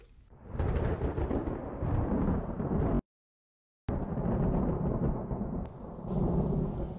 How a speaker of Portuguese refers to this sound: Vem chuva forte aí.